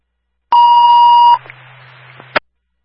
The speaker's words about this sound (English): Ground time alarm tone test, ground ambulance, ground general alarm, Mystic Fire, Mystic River, Team 57,